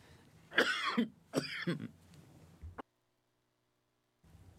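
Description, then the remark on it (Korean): Two harsh coughs in quick succession from one person who has just suddenly drunk cold water, with no talking, followed by a small click and then a stretch of silence. “갑자기 차가운 물을 마셨더니 기침이 나네요.”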